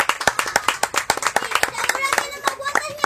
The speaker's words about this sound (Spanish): ¡Un aplauso para los profes!